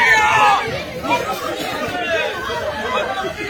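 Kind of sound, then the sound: crowd, people shouting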